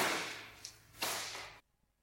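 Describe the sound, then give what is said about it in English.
Two sharp whip cracks, a lighter snap followed by a louder one, cut through a bright, hissy wash of noise that stops abruptly. No one speaks. “Oh, he whips me around the house in minutes. Oh, let's get cracky.”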